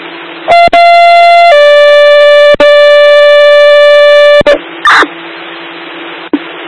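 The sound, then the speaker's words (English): A loud two-tone dispatch pager alert paging Fox Ham Rescue for a second ambulance call: a steady buzzy tone steps down to a slightly lower held tone for about three seconds, then a short blip, over a hissy radio background. “Stand by, Fox Ham Rescue, second page for second call.”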